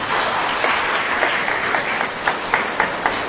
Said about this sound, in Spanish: Y el número ganador de la rifita es el 68. 68, ¿alguien? ¿Tú lo tienes? Un aplauso a la ganadora.